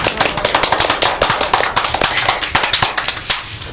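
A small group claps their hands in a steady, fairly loud round of applause, sharp overlapping claps running continuously for a few seconds with no one speaking.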